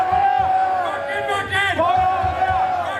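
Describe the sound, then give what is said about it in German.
A large outdoor crowd at the Wacken festival's Holy Ground roars loud for the full stretch, many voices cheering and chanting "Wacken" together, with applause for a renewed wedding vow blended into the continuous din. “Applaus für ein neues Eheversprechen geht über in Applaus für eine alte Tradition.”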